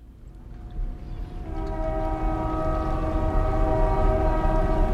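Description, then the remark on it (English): A train horn blares in sustained, layered tones over the heavy low rumble of a train passing at the railroad bridge in Buzzards Bay on Cape Cod, growing louder after a second and holding steady. “I maintain and operate the railroad bridge in Buzzards Bay.”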